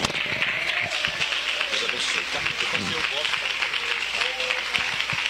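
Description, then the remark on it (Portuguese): An audience claps hands for Jesus, a dense, continuous wash of applause that stays loud throughout, with a voice faintly audible beneath the clapping. “Palmas para Jesus bem forte.”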